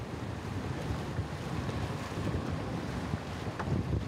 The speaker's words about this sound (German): Und auf die kommt man mit dem Motorboot.